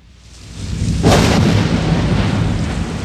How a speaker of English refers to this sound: that was a weird intro. This is Old Red 99.5. I wasn't expecting thunder.